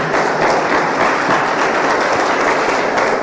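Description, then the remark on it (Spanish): At a religious service, a crowd applauds the Lord loudly and steadily, a dense wash of many hands clapping at once that holds without a break for the whole stretch, with no voices on top. “Den un aplauso fuerte al Señor, por favor.”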